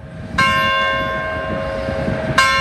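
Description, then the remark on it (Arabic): The bell of the Church of Our Lady of Victories in Tetouan, Morocco, which rings on the hour, rings out with a loud, ringing strike that hums and sustains, followed by a second strike about two seconds later over a low, rumbling background. “أصبحت كنيسة سيدة الانتصارات معلمة من معالم تطوان، كما ترسخت صورتها كمركز ثقافي وتربوي وصرح ديني مسيحي في بلاد إسلامية يدق جرسه على رأس كل ساعة.”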